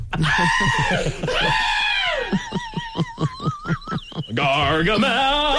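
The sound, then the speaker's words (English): Loud screams from people on a nearby amusement ride rise and fall in long wailing bursts, then break into a rapid string of choppy shrieks before ending on a high, sustained cry. “Jeez, those screams are getting loud.”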